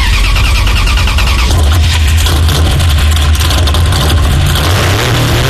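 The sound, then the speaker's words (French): A car engine cranks and catches, then settles into a steady, rumbling, loud idle with a low throbbing hum and no one speaking. “on dirait que ça a démarré la voiture, là, non?”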